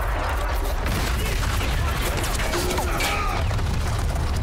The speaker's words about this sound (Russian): Разрыв рядом с пушкой. Артиллеристы падают.